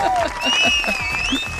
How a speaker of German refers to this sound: Und der Jubel war dementsprechend groß, als er dann im Ziel angekommen ist. Ich bin sicher, es gab 8 Minuten Applaus.